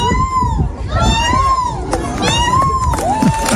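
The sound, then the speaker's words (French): A crowd at a peacock-cry contest in Luc-sur-Mer, Normandy, cheers and applauds the winner loudly, with shrill whoops and shouted calls rising and falling in pitch over a constant dense roar of noise for a few seconds. “Applaudissements incroyables pour le vainqueur du concours de pan.”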